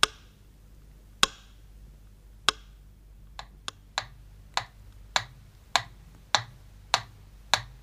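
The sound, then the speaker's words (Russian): A metronome ticks at a slow, steady pace, as it beat on Leningrad radio in the rare calm hours of the city's 900 difficult days, about a dozen crisp, sharp clicks sounding alone with nothing else heard between the beats. “Вот так стучал метроном в те редкие часы, когда в городе было спокойно.”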